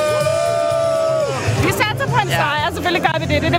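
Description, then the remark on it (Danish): A crowd of Danish football fans, who arrived in Norway that morning on the Oslo ferry, chants and cheers loudly. A single held, sung note opens it, then many voices join in with rising whoops and shouted, wavering chants over a steady hubbub. “Og hvis du, ligesom mig, har brug for at få noget af entusiasmen tilbage, så kan nogle af de danske fans, der her til formiddag er ankommet til Norge med Oslofærgen, helt sikkert også hjælpe dig.”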